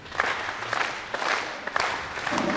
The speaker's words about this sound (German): Ich möchte gerne die Siegergruppe bekannt geben und würde Sie bitten, das Ganze mit einem kleinen Applaus zu unterstützen.